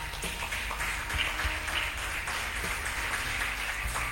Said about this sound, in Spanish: Denle un aplauso a Jesús por eso, hermano.